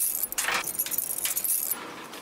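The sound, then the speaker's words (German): Keys jangle at the locks of the double-door airlock into a tiger's predator enclosure, each door secured with at least two locks, in a few quick, bright metallic bursts, a rattling jingle that comes and goes for about two seconds with no voices. “Und jede Tür muss mit mindestens 2 Schlössern an 2 Punkten gesichert sein.”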